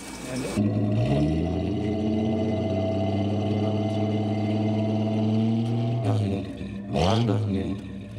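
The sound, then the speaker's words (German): A car's inline six-cylinder engine cranks and catches, then settles into a steady, deep idle with a low rumbling hum, briefly revving up twice near the end. “Soll ich mal anmachen? Was für eine Frage, ja.”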